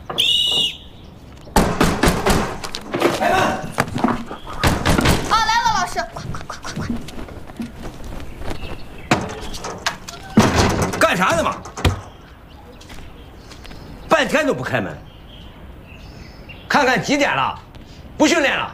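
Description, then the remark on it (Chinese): Sharp, repeated knocks on a door come in several quick bursts, fairly loud, with people talking in between and over the knocking, as a teacher knocks to get those inside out to training. “半天都不开门，看看几点了，不训练了，赶紧迈出走训练场。”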